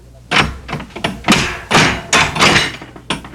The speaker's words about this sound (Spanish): Paje, abre la puerta de la casa de mis tesoros.